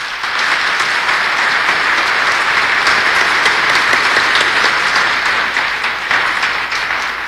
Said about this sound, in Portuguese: Ela merece uma salva de palmas.